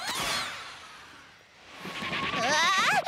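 sheep bleating

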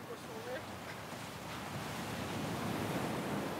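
wind and surf

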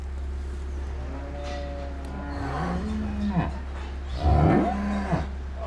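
cows mooing

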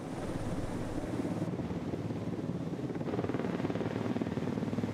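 helicopter flying

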